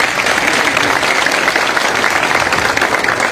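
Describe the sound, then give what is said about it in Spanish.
Sustained applause from an audience as the president is asked to stand, a dense, steady wash of many hands clapping at an even loudness for the whole few seconds, with no distinct voices standing out. “Un aplauso.”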